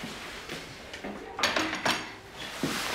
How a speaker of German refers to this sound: Ich komme nur das Geschirr abräumen.